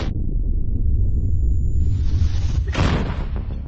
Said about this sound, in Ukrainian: Це гармата Д-20 152 калібру радянського зразка. Будинок вона може розібрати.